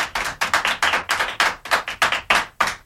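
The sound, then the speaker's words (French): Children applauding, a steady patter of many claps running together in quick, uneven bursts, fairly loud throughout with no voices on top. “Voilà, les enfants vous applaudissent.”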